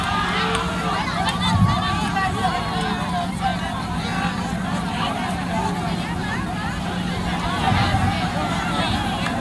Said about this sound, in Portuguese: As candidatas que empataram não foi a de primeiro lugar, foi a de segundo e terceiro. E aí é vocês que vai definir. Nós somos democráticos. A torcida vai gritar mais alto, bater mais palmas, é a que vai ganhar em segundo.